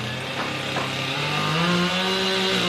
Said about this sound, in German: Dutzende Mitarbeiter des Katastrophenschutzes arbeiten auf der Maria-Entschlafenskathedrale, hämmern und sägen.